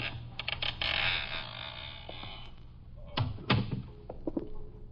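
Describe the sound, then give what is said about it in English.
An already partially open door creaks slowly open with a drawn-out, grinding groan, followed by a couple of sharper wooden knocks and squeaks near the end. Fairly quiet, with no one speaking. “That door's already partially open.”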